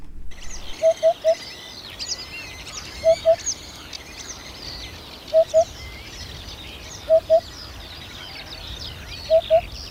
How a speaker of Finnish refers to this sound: Viikon luontoääni on Upupa Epops, eli harjalintu